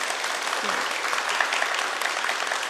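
Sustained warm applause from an audience of young people thanking a guest teacher for his talk, a dense, steady patter of many hands clapping at a fairly even loudness throughout, with no voices clearly standing out.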